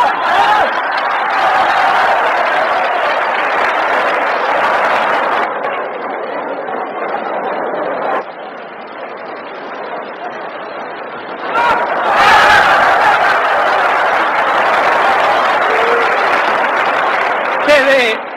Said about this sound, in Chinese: 好，接下来让我们再以雷鸣般的掌声欢迎挑战者出场。